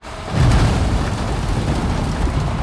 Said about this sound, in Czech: Nakladač před cukrovarem v Litovli na Olomoucku sype na dopravník další tuny cukrové řepy.